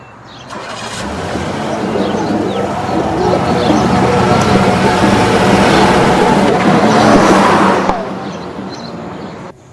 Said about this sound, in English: In the morning sunlight, Earl comes out of the house, scoops up the newspaper, and heads for his car. As he drives off, Pometer in his SUV watches from across the road.